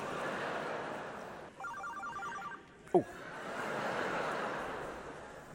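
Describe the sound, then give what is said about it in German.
A mobile phone rings with a short burst of rapid, repeating electronic tones, heard over a steady wash of background noise, followed by a brief sharp swooping sound. “Ich bitte nur, hat jetzt irgendein Assi sein Handy an?”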